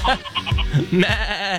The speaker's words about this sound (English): Victoria, are those goats? They are goats.